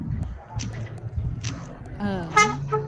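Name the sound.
car horn honking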